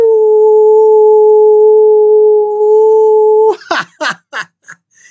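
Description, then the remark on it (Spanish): A person imitates a howl, holding one loud, steady, unwavering note for several seconds, then breaking into four or five short, rough yelps that grow quieter and shorter. “Les envío otro aullido.”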